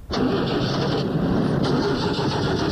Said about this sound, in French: essaie de démarrer pour le monsieur, pour voir si on peut la démarrer. Attendez, on va voir. On va voir un petit peu si elle démarre, mais